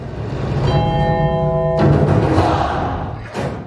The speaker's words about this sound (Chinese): 钟声是我编进去的，给孩子一个提醒，啊，跳闹闹，当，哈，他就知道要干嘛了。最后结束之前，当有一个钟声，他就知道我要收尾了。